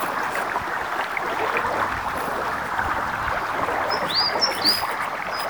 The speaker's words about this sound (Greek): Είμαι στο δάσος. Και τι είναι αυτά που βλέπω? Τι ωραία φύση. Πουλάκια, σκιουράκια, ένα ορμητικό ποτάμι.